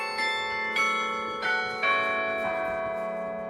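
The carillon of the Parochialkirche in Berlin, Germany, revived in 2016, rings out from its newly built tower in a slow sequence of overlapping tones, each strike leaving a long shimmering resonance, fairly loud and clear with no voices.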